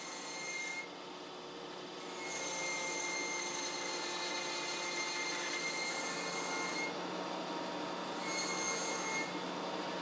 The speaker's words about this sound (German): Mit einem rotierenden Glockenmesser wird die überstehende Sohle abgeschnitten.